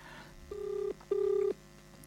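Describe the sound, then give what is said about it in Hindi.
Two steady electronic telephone tones, each lasting under half a second with a short gap between, as a Darpan Radio programme places an outgoing call to a guest, the call ringing on the line; clear and fairly loud, with no talking. “तो हम एक काम करते हैं कि हम अपने एक प्रवीण जी को भी फ़ोन करते हैं और देखें वो प्रवीण जी क्या कहते हैं।”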